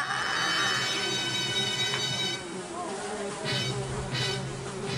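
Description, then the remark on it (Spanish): A housefly buzzes loudly and steadily, its droning whine wavering in pitch as it moves around, with a voice murmuring in the background. “Mira, hay mosques.”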